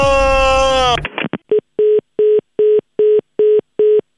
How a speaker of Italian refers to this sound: attenzione, una nuova telefonata.